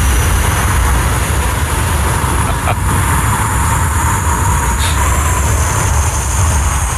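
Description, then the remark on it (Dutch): Someone forcefully blows out all their breath as a challenge to see who lasts longest, in one long, loud, steady rush of air, a rough hissing roar that holds for about seven seconds without a break or any talking. “Jullie moeten allebei om en om zoveel mogelijk adem uitblazen.”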